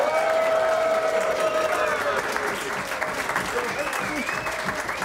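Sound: audience applause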